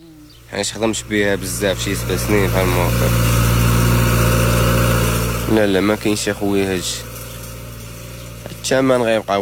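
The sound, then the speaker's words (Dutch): A recently bought tractor on a farm near the village of Tiveld in Morocco runs steadily, a low, even diesel rumble that continues throughout while people talk over it in short bursts. “Hij heeft onlangs een tractor gekocht die hij ook te huur aanbiedt aan andere boeren.”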